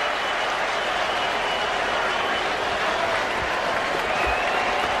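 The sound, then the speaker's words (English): The Pirates home crowd, on their feet at a baseball game against the Twins, cheers and applauds continuously, a dense, steady roar of clapping and voices that stays loud and sustained throughout with no pauses. “Pirates crowd on their feet.”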